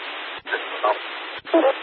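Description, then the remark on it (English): A hissing dispatch radio channel carries short electronic alert tones in two brief bursts, each cut off by a quick squelch break. The tones sit clearly over the static, with no voice. “They send tones, no voice.”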